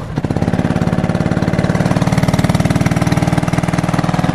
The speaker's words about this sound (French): C'est prêt là, vas-y, fais-nous grandir ton moteur là.